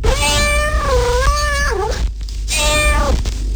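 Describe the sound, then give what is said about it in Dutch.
A cat meows twice, loud: a long, wavering, drawn-out meow, a brief pause, then a shorter second one, over a steady low background hum. “Hierin wil een kat zijn.”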